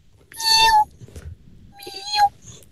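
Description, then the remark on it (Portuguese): A woman imitates a kitten meowing: two high-pitched, drawn-out mews about a second apart, the second sliding down at the end, fairly loud with no talking. “Pá, temos aqui então ela a dizer: sei imitar gatos bebés.”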